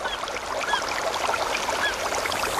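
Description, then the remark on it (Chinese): Forest ambience: a steady, dense hiss like rustling leaves or running water, with a few faint bird chirps scattered through it. No one speaks. “森林，草原，大海。”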